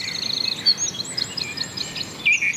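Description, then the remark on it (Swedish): Birdsong with several birds chirping and trilling at once, bright overlapping calls with a few sharper notes standing out, heard outdoors with no voices. “Och så kan vi konstatera att intresset för fågelsång verkar öka.”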